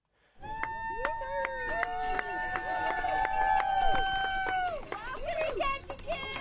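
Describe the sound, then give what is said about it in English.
A few dozen spectators at a downtown boat harbor in southeast Alaska cheer and whoop on a sunny evening as the Nutters, a four-man team on a yellow multi-hull sailboat, finish the Race to Alaska; shrill whistles and horn-like tones rise over the steady noise of voices for several seconds. “A few dozen spectators cheer on the northbound Nutters, a team of four men aboard a yellow, multi-hull sailboat that's gliding toward the dock.”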